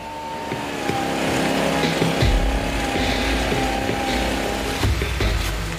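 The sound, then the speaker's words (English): A motorized pesticide sprayer drones loudly as it sprays pesticide on a cocoa farm, its engine whine holding steady with slight shifts in pitch and a deeper rumble swelling in partway through. “After spraying the pesticide, they then apply the herbicide glyphosate.”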